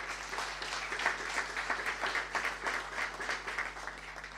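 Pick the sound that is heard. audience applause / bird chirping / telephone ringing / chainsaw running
audience applause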